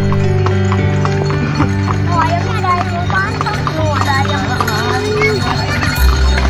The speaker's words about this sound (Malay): Delman adalah kendaraan transportasi tradisional roda 2, 3, atau 4 yang tidak menggunakan mesin tetapi menggunakan kuda sebagai penggantinya.